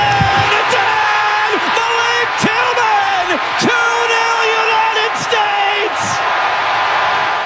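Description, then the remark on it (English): A stadium crowd in San Francisco roars and cheers continuously at full volume as Tillman scores Team USA's second goal against Bosnia, with individual whoops and rising yells cutting through the dense wall of noise and a few sharp bangs scattered throughout. “This is Tillman scoring the second goal.”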